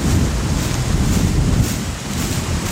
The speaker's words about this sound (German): Michael Eder kommt mit dem Traktor und einem Anhänger gefahren